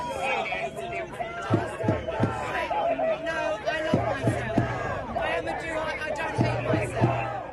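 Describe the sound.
A large crowd of protesters and counter-protesters shouts and chants together at a demonstration against the sale of land in the occupied West Bank, in loud, overlapping voices, with rhythmic bursts of three quick claps or drum hits repeating every couple of seconds beneath the din.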